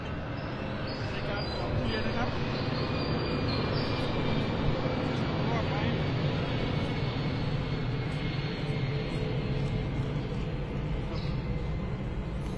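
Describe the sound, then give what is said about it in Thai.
An airplane passing overhead near Don Mueang Airport, by the Thai PBS station, fills the scene with a steady, loud, continuous engine roar that holds level throughout, with faint voices murmuring underneath. “ไม่แน่ใจว่าคุณผู้ชมได้ยินเสียงเครื่องบินหรือเปล่านะเพราะว่าไทยพีบีเอสของเราใกล้กับสนามบินดอนเมืองนะฮะครับ”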